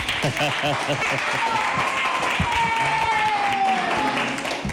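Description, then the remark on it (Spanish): A crowd at a school event claps steadily and loudly for a child, with voices chattering and calling out over the applause and a brief high whistle rising partway through. “Vamos a aplaudirle.”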